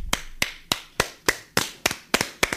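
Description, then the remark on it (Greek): A radio host on My Radio 104.6 claps alone about nine times in a steady, moderately quick rhythm. The claps are sharp and crisp, and no voices are heard. “Μπράβο, ευχαριστώ που με συντροφεύετε στο χειροκροτηματάκι μου.”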